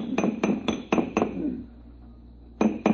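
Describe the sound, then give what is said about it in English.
Sharp metallic clanks as someone bangs on the sealed power pack of an air conditioner condenser, five evenly spaced blows followed by a short pause and two more, each leaving a brief ringing tone. “Yeah, if you keep banging at it like that, you'll crack the seal on the atomic shielding and your posterity will thank you.”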